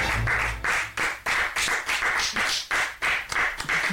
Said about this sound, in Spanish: Se escuchan pocos aplausos, pero son, son nutridos. Son los que valen, muy agradecidos. Fervorosos.